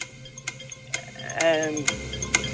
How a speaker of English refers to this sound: I'm lining up my little clock in the studio here. It's 40 seconds. It starts for you now.